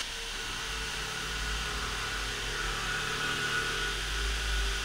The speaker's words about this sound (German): Weißt du, also wenn hier jetzt gebohrt wird, dann kann ich nicht weiterreden. Das sollte uns hier jetzt nicht stören, das ist doch weiter. Nein, das hören Sie doch!